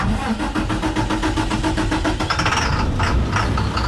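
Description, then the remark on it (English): A diesel-fuelled US school bus engine runs, a steady low rumble with a rapid mechanical clatter that swells slightly toward the end, with no voices present. “Twice a day, every day, school buses across the country are dispatched to bring kids to and from the schoolyard. About 9 out of 10 run on diesel fuel, like this one.”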